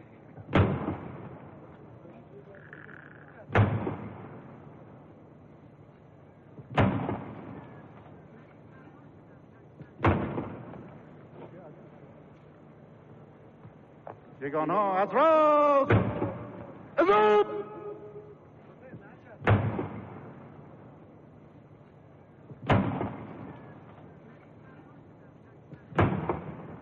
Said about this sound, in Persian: مطلع شدم که شاهنشاه آریامه بزرگ ارتشداران برای مراسم سان به میدان نزول اجلال می‌فرمایند. 50 تیر توپ به مناسبت 50 سال شاهنشاهی پهلوی شلیک می‌شوند.